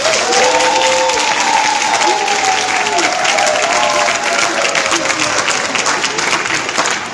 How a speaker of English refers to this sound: So let's give the students a round of applause.